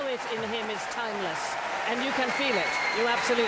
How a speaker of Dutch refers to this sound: En opnieuw, groot applaus daar in de Royal Albert Hall in Londen voor de jonge Zuid-Koreaanse toppianist.